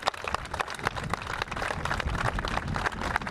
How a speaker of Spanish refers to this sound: Desde aquí también para Ivonne un fuerte aplauso.